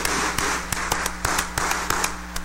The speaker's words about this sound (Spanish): ustedes un fuerte aplauso de felicitación.